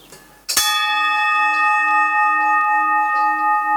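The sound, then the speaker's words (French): A single bell is struck once, loud, and its bright metallic tone keeps ringing with a long, steady sustain that barely fades. “Et moi, j'ai toujours acheté les cloches au son, quoi.”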